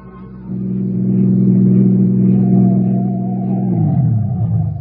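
A car motor approaching along a narrow dead-end lane at the mouth of a steep ravine hums steadily and grows louder, a low droning motor that rises in intensity, then shifts pitch near the end as it changes gear or speed. No one speaks.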